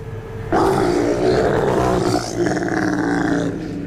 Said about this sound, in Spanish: Si te das cuenta, se escuchó como un rugido, computadora.